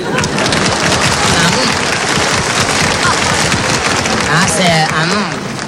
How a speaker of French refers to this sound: Ces messieurs, dames applaudissent.